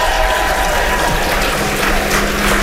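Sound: audience applause and cheering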